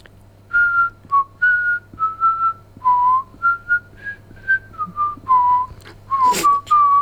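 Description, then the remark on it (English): A person whistles the chorus of a classic New Zealand song, a steady series of clear sustained notes rising and falling in a sung-like phrase, fairly loud, with a brief breathy noise near the end and no talking. “we're all going to try and guess what …'s whistling right now”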